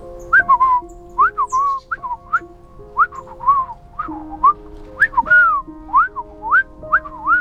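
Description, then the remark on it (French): A person whistles an imitation of a sparrow's reply: a lively series of short swooping, rising-and-falling chirping notes in quick bursts, clear over soft sustained background tones. “lui répondit le passereau, ce qui signifie à peu près « Va voir le vieil homme dans la forêt, mais prends garde au renard, il est le plus menteur de tous les menteurs.”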